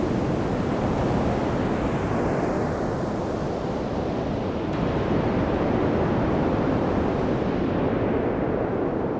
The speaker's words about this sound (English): Well, that sounds pretty much like a wave, huh? I can almost smell the salt water.